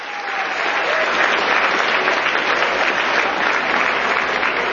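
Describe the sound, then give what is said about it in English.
Steady, dense applause from an audience welcoming a volunteer onto the stage at a mind-reading show, loud and sustained throughout with a broad, crackling texture of many hands clapping at once, no voices standing out. “Give her a round of applause, everybody.”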